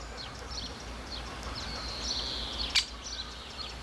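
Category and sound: bird, young woodpecker calling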